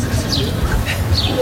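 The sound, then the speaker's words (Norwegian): A few short, high bird chirps ring out in the morning over a steady outdoor rumble, with faint murmuring in the background and a busy, open-air feel. “Ja, hørte på fuglene.”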